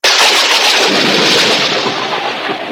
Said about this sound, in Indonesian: Tiba-tiba alam berubah. Petir menyambar dan hujan pun turun dengan derasnya.